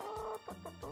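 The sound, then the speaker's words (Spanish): A rooster lets out a quick string of loud clucking calls, several harmonic bursts in rapid succession with rising and falling pitch, and no talking. “Marca el número 2, el gallo norteño. Marca B2. ¡Ahí está el gallo!”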